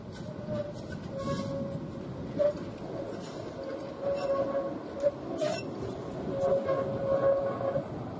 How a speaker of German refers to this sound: Mit diesem Fahrzeug und dem historischen Gotha-Wagen 101 geht es am 21. August auf eine Fotosonderfahrt über das gesamte Netz. Der Tatra KT4 wurde 1978 bei CKD für Erfurt als Triebwagen 435 gebaut.